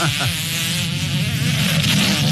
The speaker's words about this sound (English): The most popular comment on the... video that's gone viral, people want the announcers to stop talking. Like, we're trying to hear it. We want to hear the fart. We got to hear the fart.